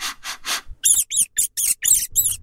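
Three quick, breathy sniffs are followed by a rapid run of about seven high, shrill rat squeaks, each short and chirpy, with no one talking. The sounds are played as a radio sound riddle for the English expression 'to smell a rat'.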